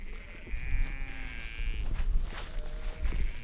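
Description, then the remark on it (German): Sheep grazing behind a fence on the Tempelhofer Feld bleat outdoors, a long wavering call followed by further overlapping bleats from the flock, over a low background rumble. “Entlang des Zaunes, hinter dem die Schafe im Tempelhofer Feld weiden, hat sich ein Trampelpfad gebildet.”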